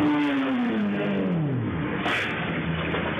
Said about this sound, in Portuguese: O carro estava parado às margens da avenida e avançou para fazer a mudança de direção. A motocicleta vinha pelo trecho e, ao perceber o veículo ocupando a pista, o condutor tentou reduzir, mas não houve tempo suficiente para evitar a batida.